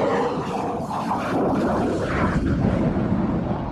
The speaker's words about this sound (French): Et quand il va remettre les gaz, pour avoir la puissance nécessaire, il va mettre la post-combustion sur l'autre moteur. Et là, ça va faire du bruit.